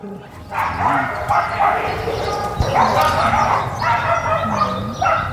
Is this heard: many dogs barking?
yes